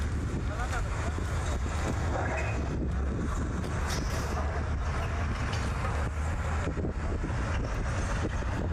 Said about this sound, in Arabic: ساحل بلدة الشرقية، هكذا أصبحت بلدة الشرقية. تقوم الجرافة بفتح الطريق.